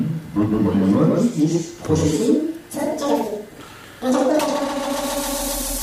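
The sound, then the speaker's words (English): Wordless vocal sounds are looped through an electronic echo machine, with the left channel copied to the right and the right copied to the left to make internal feedback. Warbling bursts repeat and stack for several seconds before settling into a sustained, humming feedback drone. “So you can make a kind of internal feedback in the machine like this.”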